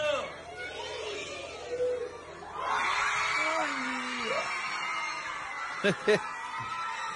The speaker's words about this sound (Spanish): Va sacando de su mochila, abre el cierre. Los chicos gritan, dale, mostrala.